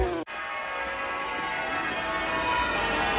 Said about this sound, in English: Oh, listen to that, Arthur. That's your actual bow bells. God bless you, Eddie. Yeah, listen to that. It's a disgrace on a public thoroughfare. They ought to be reported to the Noise Abasement Society.